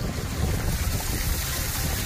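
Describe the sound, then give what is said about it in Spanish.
Cars driving through streets flooded by a storm in Orihuela: a steady, dense rush of splashing water over a low engine rumble, holding at an even, fairly loud level throughout with no voices. “Es el sonido de los coches pasando por las calles anegadas de Orihuela”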